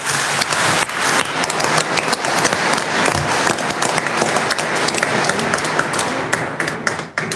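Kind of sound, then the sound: crowd, audience applauding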